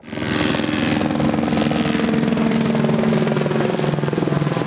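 Loud, steady rotor noise of firefighting helicopters flying every minute over the Föhrnwald pine forest during a forest fire, near the municipality of Weikersdorf. A rapid rhythmic thumping over a broad engine roar stays constant from start to finish.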